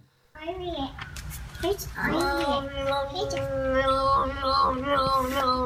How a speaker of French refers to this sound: Ah mais là c'est un truc de ouf, un chat yodeleur.